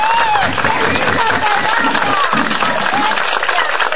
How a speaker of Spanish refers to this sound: Y finalmente celebran todos juntos el regreso del hijo pródigo. ¡Un aplauso, niños!